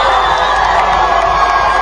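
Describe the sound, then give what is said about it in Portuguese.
A huge stadium crowd roars in celebration of a goal, a dense, loud wall of cheering and shouting that holds steady throughout the brief moment, at the World Cup match between Cape Verde and Uruguay on the night of 21 June, celebrating Cape Verde's first-ever World Cup goal, scored by Kevin Pina. “Agora sim, um grito de gol.”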